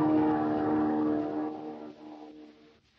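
A small airplane's engine drones loudly and steadily with a strong humming pitch as it approaches and comes down to land at a field, then gradually eases off and grows quieter toward the end. No voices.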